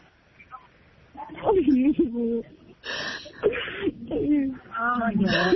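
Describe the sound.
A 63-year-old Cuban woman sobs over a phone line, her voice wavering and breaking, with gasping, shaky breaths between cries, fairly loud.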